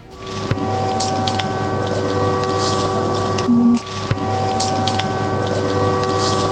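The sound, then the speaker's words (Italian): A steady, sustained air raid alarm siren drone with a constant hum holds at one pitch throughout, loud and unbroken, with a brief lower tone partway through and no speech. “Questa che sentite è un allarme, una sirena.”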